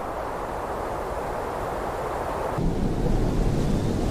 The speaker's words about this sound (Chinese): 我觉得这个到晚一点安静下来，这河水的声音 反而就凸显出来了。 更有意境， 对，而且它这种白噪音让人睡眠会特别踏实。 对对对， 你在这种白噪音上面，你一会儿就睡着了， 哗啦哗啦。